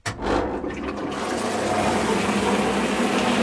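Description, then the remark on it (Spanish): A blender kicks on abruptly and keeps churning, a loud, steady motor roar mixed with sloshing, gurgling water as wet paper is pulped with water to make new paper. “Lo puedes convertir en otra cosa. Y va a hacer un poco de ruido, vale.”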